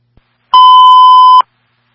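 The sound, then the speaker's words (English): A single loud, steady fire dispatch alert tone over radio, held for just under a second with a faint click before it, then silence; a signal 15 transmitted for a fire alarm at Cumberland Farms, 1157 Central Ave. No voices. “A signal 15 being transmitted for the fire alarm, Cumberland Farms, 1157 Central Ave.”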